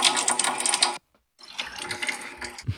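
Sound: water gushing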